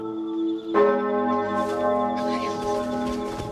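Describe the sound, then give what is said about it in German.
A church bell strikes once with a rich, resonant tone, its long ringing overtones sustaining and slowly fading, with a faint wash of ambient noise behind it. “Die Glocke.”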